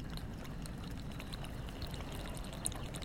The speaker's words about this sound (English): I think hopefully it's letting up a little bit now. But gotta keep these rainy sounds tonight.